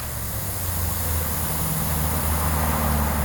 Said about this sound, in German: Ein paar hundert Meter weiter, am Kastanienwall, vor dem Pulverturm rauscht der Verkehr auf 4 Spuren vorbei.